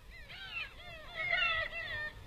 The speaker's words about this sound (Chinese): 这里的景色美极了，海浪撞击着岩石，一浪接着一浪，远处海鸥在湛蓝的海天之间自由地飞翔着。